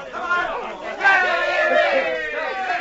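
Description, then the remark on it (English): A crowd of many voices chattering and calling out at once at a dog sled pull, where the dog King pulls a heavy sled; a dense, steady murmur that swells louder after the first second and stays lively throughout. “He glanced toward Sergeant Preston for a word of approval, but the sergeant had turned his back on the crowd.”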